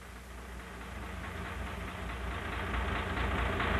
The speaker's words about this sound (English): Everything is quiet on my side of the deck. Most all passengers are asleep. I think the throb of the diesel engine is lulling them to sleep.